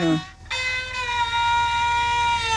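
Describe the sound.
A zhuihu fiddle mimics a rooster's crow: a short low bowed note, a brief pause, then one long, bright, sustained wail rich in overtones that holds steady before fading at the end.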